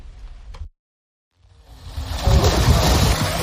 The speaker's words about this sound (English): On a sweltering day, Israeli settlers splash in a pool at a Jordan Valley archaeological site. It was filled this summer by diverting the water supply for a nearby Palestinian village in the occupied West Bank.